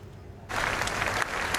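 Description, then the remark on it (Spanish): A crowd of thousands at a vigil near the Brandenburg Gate in Berlin, honouring victims of a vehicle-ramming attack, bursts into steady applause after a brief quiet moment, the dense clapping sustained and fairly loud, with no voices standing out. “Aplausos por las víctimas del último atropello múltiple en Berlín.”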